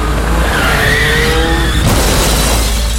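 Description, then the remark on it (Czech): Car tires squeal in a loud, sustained skid under hard braking for about two seconds, a rising screech over heavy engine and road rumble, then the noise shifts abruptly as the skid ends. “Za sudar je potrebno dvoje, a za život kočnica i ti.”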